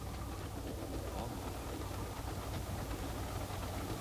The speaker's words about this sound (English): Did somebody want to get off this train? Get off? Now, who would want to get off a beautiful train like this?